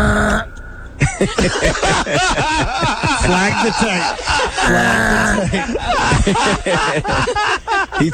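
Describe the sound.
On an Arkansas sports talk radio show, a man attempts a goat impression, letting out a strained, wavering bleat amid snickering laughter and several other voices talking over one another.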